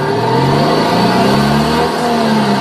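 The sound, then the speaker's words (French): A Citroën electric car modelled on the 2CV plays a recreation of the classic 2CV engine sound as it starts and accelerates, a buzzy, mid-pitched drone with harmonic tones rising steadily, loud and continuous with no talking. “On essaie vraiment de ramener le bruit de la 2 chevaux au démarrage et pourquoi pas jusqu'à 20-30 km/h.”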